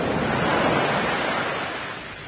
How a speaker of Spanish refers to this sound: No era buena idea adentrarnos tanto en el mar, gritó Sonia, luchando contra el ruido ensordecedor de las olas y el rugido del viento.